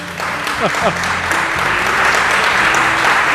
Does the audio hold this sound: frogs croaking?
no